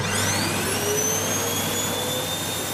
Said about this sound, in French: Mon tout m'aide à faire le ménage. La réponse, c'est aspirateur. Ah, mais oui, l'aspirateur.